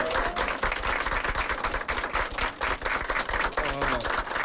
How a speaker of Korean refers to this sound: 지금 나토에 가서 터키에 가서 열심히 국익을 위해 활동하고 계시는 이재명 대통령을 위해 박수 한번 쳐주십시오. 박수 한번.